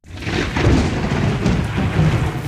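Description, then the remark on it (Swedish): Deep, continuous rumbling thunder rolls steadily through the whole stretch, loud and heavy in the low end with a broad hiss above it, and no one speaking. “Där börjar åskan slå redan, men vi ska inte riktigt till åskan ännu.”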